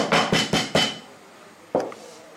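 Four quick, heavy thuds pound in a steady rhythm, then a pause and one more solid strike, as spices such as cloves are smashed for cooking, like with a pestle or flat blade. No one speaks.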